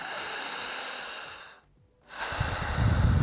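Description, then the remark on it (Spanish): Deep, forceful breathing in a demonstrated 'super breathing' exercise that makes the breather dizzy: a long noisy inhale-like rush, a brief pause of near silence, then a louder, heavier breath with strong low rumble, with no talking. “Y en esa super respiración, quien respira empieza a marearse.”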